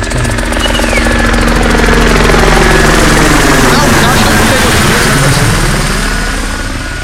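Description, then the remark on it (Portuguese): A helicopter flies by, its loud, steady rotor thrum and engine whine filling the scene with a slight sweeping shift as it passes, fading a little toward the end. “Vamos vir de helicóptero?”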